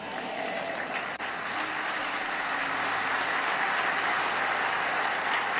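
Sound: audience applauding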